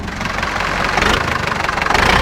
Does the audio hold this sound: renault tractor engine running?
yes